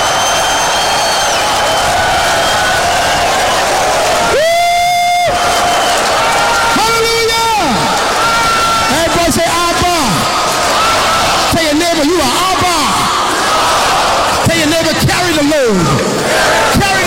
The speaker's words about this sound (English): Come on, scream if you got the revelation.